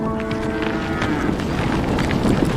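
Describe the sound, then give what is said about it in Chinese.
A yak lows in a long, deep, droning call, with a steady rumble of outdoor noise around it. No one speaks. “哺乳期的牦牛每日产奶不足2公斤，仅为奶牛产量的1/10，其中大部分还需留给小牛。”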